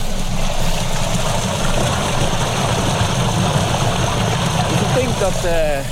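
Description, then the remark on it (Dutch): Steady, rushing wash of water flowing through a ditch by a tulip field fills the whole stretch without pause, with a low rumbling undertone; a voice starts speaking briefly near the end. “Je hoort lopen het water. Ja, ja, het stroomt hier.”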